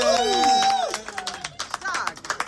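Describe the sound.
A voice finishes an announcement, then a burst of audience applause follows: many quick, dense claps for about a second and a half, with some cheering voices mixed in.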